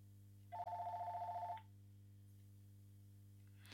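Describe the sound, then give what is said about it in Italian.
A single burst of electronic telephone ringing, a trilling tone lasting about a second, then quiet over a steady low hum. No one speaks. “Io non saprei rispondere, non rispondo a questa telefonata perché logicamente è anzitempo.”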